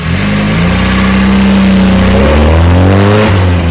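A car engine, already started, revs hard as the driver accelerates furiously; its pitch climbs through gear changes, loud with a steady roar throughout and no voices.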